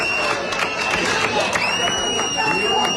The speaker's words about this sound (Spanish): Pero dentro de esas protestas también hubo agradecimientos. Para fuera de seguridad del Estado, que demasiado está los pobres haciendo. Este aplauso va para ustedes, señores.